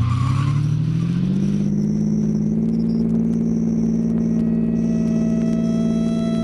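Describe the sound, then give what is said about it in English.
A stolen car's engine roars and climbs in pitch as it speeds away from police in a chase, with a high squeal of skidding tires partway through, loud throughout. “You almost hit that truck! I can't stop now! Gary, this is crazy!”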